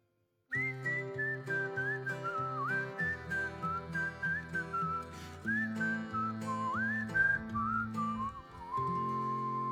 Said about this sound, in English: I can't whistle as good as him. It's a whistle along.